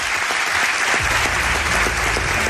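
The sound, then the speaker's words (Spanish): An audience breaks into steady applause for a guest about to be introduced, a dense wash of many hands clapping at once, loud and sustained, with a low rumble entering partway through. “Os pido un aplauso para este señor y ya lo presento.”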